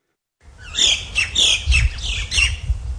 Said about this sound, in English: The sound of native birds as they fly over fields as far as the eye can see. These were once Australia's largest goldfields.